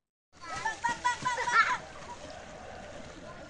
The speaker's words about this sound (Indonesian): Anak-anak ini menaiki perahu karet saat menyusuri sungai Code yang membelah kota Yogyakarta. Mereka mengikuti kelas sungai yang digelar komunitas Jogja Adventure Kids.